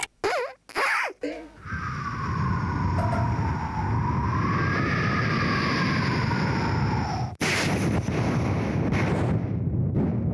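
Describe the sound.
A national-level intangible cultural heritage kouji (vocal mimicry) inheritor vocally imitates a thunderstorm with lightning: a few sharp cracks open it, then a loud, sustained howling roar with a wavering whistle, a sudden break, and another burst of rushing noise.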